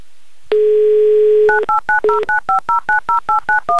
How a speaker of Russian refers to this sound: Набран номер телефона Радика. Звоним в Санкт-Петербург.